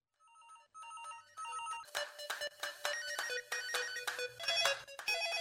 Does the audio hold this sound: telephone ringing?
yes